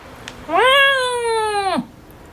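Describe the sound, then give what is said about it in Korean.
A single loud, drawn-out meow from a large cat named Doryeonnim, lasting over a second, steady, rising at the start and dropping off sharply at the end, with no talking. “도련님은 현우의 마음을 읽은 듯 크게 울었다.”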